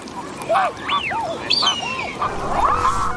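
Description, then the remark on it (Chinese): A mute swan calls repeatedly on Wuliangsuhai Lake in China, giving a series of short, nasal, rising-and-falling honks over a soft, steady background hiss. “同小天鹅一样，它亦是天鹅属鸟类，但因为天鹅有黑色油状突起，所以被称为油鼻天鹅。”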